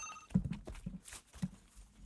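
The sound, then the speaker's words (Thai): A telephone's electronic ring from a caller phoning in to a call-in program sounds briefly at the start and is cut short, followed by soft thumps and handling noises as the host picks up the phone and puts on headphones. No one speaks. “มาพอดีอ่ะเดี๋ยวผมหับโทรศัพท์ก่อนผมใส่หูฟังก่อนนะครับ”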